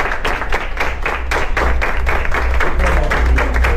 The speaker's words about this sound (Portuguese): Os aplausos anunciam mais uma captação de órgãos.